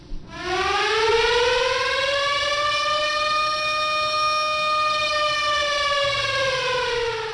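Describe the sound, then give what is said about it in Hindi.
A civil defense air raid siren sounding at 7 o'clock for a blackout mock drill in Patna, Araria, Kishanganj, Begusarai, Purnia and Katihar districts wails loudly and steadily, its tone rising at the start and then holding a long sustained pitch with rich harmonics, with no voices present. “घड़ी की सुई में जैसे ही 7 बजे सायरन की आवाज से पटना, अररिया, किशनगंज, बेगूसराय, पूर्णिया और कटिहार जिले में जनजीवन थम सा गया।”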